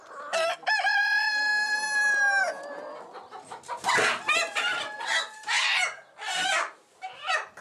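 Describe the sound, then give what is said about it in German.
A rooster crows loudly on a farm in one long, drawn-out call, followed by a busy stretch of chickens, a robust hybrid laying breed, clucking and squawking in short, uneven bursts. “Christine setzt den Hahn immer wieder auf die Hühnerwiese. Doch jedes Mal kehrt er zurück zum Hof.”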